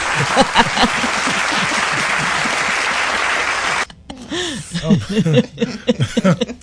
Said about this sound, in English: You get the applause.